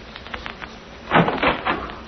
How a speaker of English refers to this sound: Listen to the door. I'll open it and you step in